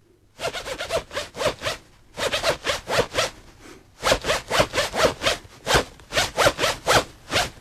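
A zipper is pulled back and forth in quick rhythmic bursts, grouped into phrases like a tune, with brief pauses between groups. It is close and fairly loud, with no talking.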